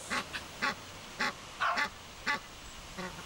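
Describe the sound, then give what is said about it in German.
An Egyptian goose gives a run of harsh, honking calls, about seven bursts in quick irregular rhythm, against a faint background hiss with no talking. “Ja, die, also Nilgans, der Ganter läuft rum, passt auf.”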